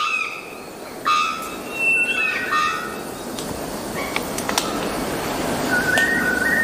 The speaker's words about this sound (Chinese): 雄性肉锤中散鸟发出这种叫声主要是为了吸引潜在伴侣，不过它们也会通过叫声威吓竞争者，捍卫自己的领地。